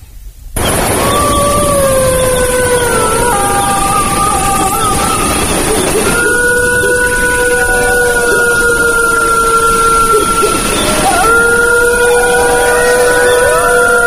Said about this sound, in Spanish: Ha sido un placer tenerte, te lo están diciendo una manada de lobos.